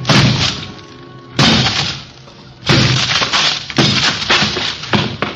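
Four loud, heavy smashing blows from a heavy barbell strike a thin door at uneven intervals, each a sharp crash trailing off into rattling, splintering debris as the door collapses over a desk, with no voices.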